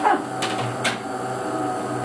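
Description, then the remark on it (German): A coffee machine in a home kitchen in Allschwil near Basel, Switzerland, is set going, whirring with a steady mechanical hum, punctuated by two short hissing bursts early on and a faint tonal whine at the start. No one speaks. “Sie setzt die Kaffeemaschine in Gang.”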